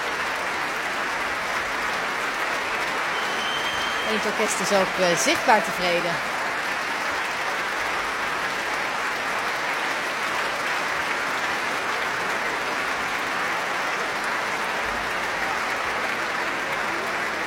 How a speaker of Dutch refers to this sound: Het publiek staat nog volledig. Niemand gaat nog naar buiten. Iedereen fluit zoals u hoort.